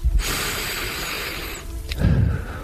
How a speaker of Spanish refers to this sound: Quiero oír la respiración del invitado, de este hombre que tiene 4 premios Ondas y que tiene una voz que han oído nuestros oyentes durante muchos años, a muchas horas diferentes.